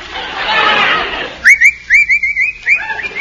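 A person whistles a short, wavering tune of quick rising and falling notes, fairly clear, following a second or so of soft hissing noise.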